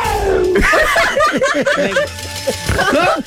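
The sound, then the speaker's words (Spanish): A voice imitates a cat's meow over and over in quick, bending yowls, loud, mixed with what sounds like laughter from others. “El juego de los gatos negros, esos que...”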